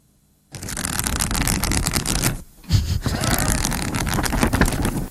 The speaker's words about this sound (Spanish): Darte aire, pasar hojas. Darte aire, pasar hojas. Pasar hojas, pasar hojas, entonces, ¿qué estás haciendo? Leyendo, leyendo.